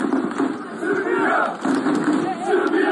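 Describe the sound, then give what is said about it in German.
Tens of thousands of supporters of President Aleksandar Vučić roar and chant in unison at a rally in the government district on the Saturday before Vidovdan, a dense, continuous wall of many voices rising and falling in loud waves over three seconds. “Präsident Aleksandar Vučić hat an diesem Samstag ein paar 10.000 seiner Anhänger im Regierungsviertel”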